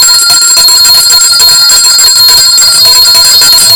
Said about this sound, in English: And we have come to the end of our report, the health report. I got to ring the bell on this.